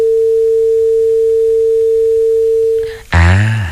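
A steady, loud telephone tone hums unbroken for about three seconds after a listener's call to a radio show drops, then cuts off abruptly as a brief, louder burst of sound breaks in.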